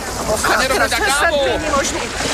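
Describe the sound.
Water sloshes and churns steadily around a sinking boat, a continuous wash of noise, while a voice speaks over it throughout.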